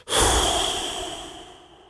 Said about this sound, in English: So you're going to be exhaling around your tongue. It helps if you purse your lips outward. And the sound you're going to make when you exhale is a kind of whoosh, like.